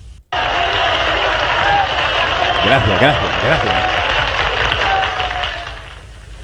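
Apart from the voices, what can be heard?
audience applause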